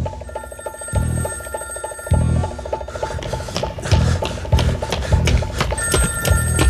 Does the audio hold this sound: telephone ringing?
yes